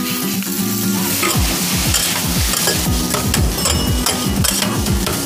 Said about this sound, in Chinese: 其实脆哨炒饭你说简单它也很简单，但是其实有几个关键步骤，就是第一个，这个脆哨我们提前给它下锅，用猪油慢慢再给它煸一煸，让它更加脆。